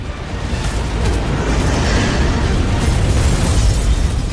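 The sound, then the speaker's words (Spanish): A huge fireball explosion roars through an office door, a loud sustained blast of deep rumbling and crackling that stays heavy and dense for several seconds without fading. “Natasha saca el disco de la computadora, toma un par de frascos de gas y sale corriendo de la oficina mientras una enorme bola de fuego atraviesa la puerta.”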